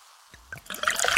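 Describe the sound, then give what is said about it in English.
A steady pour of Pepsi Zero Sugar cola that builds into a bright, crackling fizz as bubbles rise, growing louder over a second with no voices. “Listen to that endless pour.”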